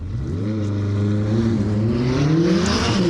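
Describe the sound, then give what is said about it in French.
A McLaren 600LT Spider sports car engine revs and accelerates hard on a timed lap, its deep harmonic drone rising steadily in pitch over a few seconds, loud and continuous with no talking. “Et je vais tenter de vous expliquer la 600 LT Spider de McLaren.”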